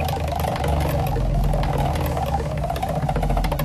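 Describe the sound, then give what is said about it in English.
A prize wheel, spun for an instant prize, spins with a rapid run of clicking ticks over a steady low rumbling hum, the ticking fairly loud and continuous throughout, with no voices, slowing down and landing on number 5. “Let's spin the wheel for an instant present.”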